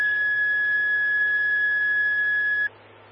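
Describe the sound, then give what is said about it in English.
A loud, steady electronic fire dispatch alert tone for Hope Fire and Highland Rescue, toned out for a commercial fire on a property damage accident at Wadsworth and Highway 285, sounds continuously for nearly three seconds over faint radio hiss and low hum, then cuts off abruptly, leaving only quiet static. “Hope Fire Highland Rescue, stand by for tones on a commercial fire on a property damage accident, Wadsworth and Highway 285.”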